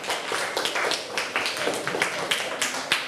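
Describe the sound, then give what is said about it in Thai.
A class of pupils applauds a classmate for a correct answer, many hands clapping in a dense, uneven patter that holds steady for about three seconds, with a few sharper claps standing out and no talking. “ถูกต้องปรบมือให้เพื่อนหน่อย”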